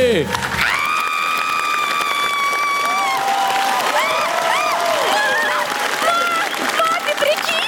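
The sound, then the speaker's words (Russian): A crowd applauds steadily, with sustained cheering and rising, whooping voices over the clapping, all at an even, fairly loud level throughout, on the TNT show Comedy Club during a beauty-contest sketch, as the winner is handed her prize. “Ваши бурные аплодисменты!”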